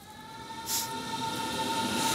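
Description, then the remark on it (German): An S-Bahn commuter train rolls along the rails at Lichterfelde Ost with a steady rumble and a sustained whining tone, a brief airy hiss rising partway through; continuous, no voices. “Hier fährt die S-Bahn, hier fahren Regionalzüge, hier fahren Busse.”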